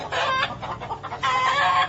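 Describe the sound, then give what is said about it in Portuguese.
Chickens at Sofia's house, startled by the noise of a car, cluck in two loud bursts of rapid, squawky calls, separated by a brief stretch of quieter, broken clucks. No one speaks. “E as galinhas a cacarejarem.”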